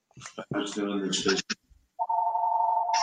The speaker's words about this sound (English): I don't know whose phone that is. That's somebody that wants to rent your property.